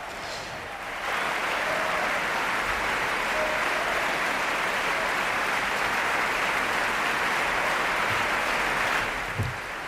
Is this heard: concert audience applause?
yes